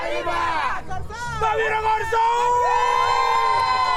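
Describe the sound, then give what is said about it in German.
A lively crowd at a school football tournament, many of them young voices, cheers and yells with rising whoops and sustained shouts of encouragement, loud, filling the whole moment without pause. “Jubeln und anfeuern”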